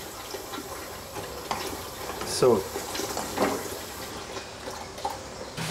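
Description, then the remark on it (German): Water pours into a container, a steady splashing rush that runs throughout, while a voice briefly speaks over it. “Und jetzt geben wir das Wasser in die Fische rein.”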